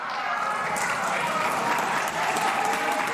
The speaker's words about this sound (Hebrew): חברים, לא, אין צורך במחיאות, אין מחיאות כפיים, והחוק יתקבל, הכל בסדר.